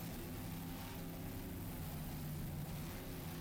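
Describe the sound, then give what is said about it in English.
The single 450-horsepower Mercury engine with a Bravo drive of Keene University's 24-foot Pantera P512 race powerboat roars steadily over rough, bumpy water off Deerfield Beach at the SBI APBA National Championship Race. It is a loud continuous drone with a deep throbbing low end and broad rushing noise above it, with no voices. “It's powered by a single 450-horsepower Mercury engine with a Bravo drive.”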